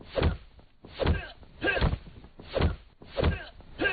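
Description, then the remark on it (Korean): Five heavy punch impacts of a fistfight land one after another in a steady rhythm, each a meaty thwack with a brief low thud, and no voices in between. “그도 주먹을 날렸다.”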